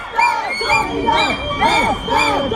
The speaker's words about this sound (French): quelques 30 manifestants anti-corrida se sont retrouvés à l'angle du musée de la Romanité. Oui, les manifestants se font entendre avec leurs sifflets, leurs cornes de brume. Certaines hurlent même des slogans.